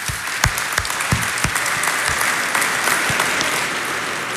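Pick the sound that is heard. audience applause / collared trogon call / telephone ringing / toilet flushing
audience applause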